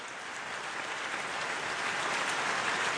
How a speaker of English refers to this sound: That's kind of a weak applause. Now, there you go. Okay. There you go. That's what we need right there.